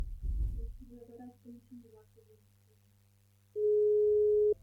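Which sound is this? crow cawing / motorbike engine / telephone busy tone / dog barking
telephone busy tone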